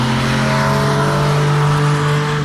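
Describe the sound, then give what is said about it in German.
A loud motorcycle with loud exhaust pipes roars steadily for a couple of seconds, its deep buzzing drone holding a nearly constant pitch with a rough, gritty edge and no voices. “Und statt Töpfgebrause gibt es bei uns jetzt auch etwas anderes”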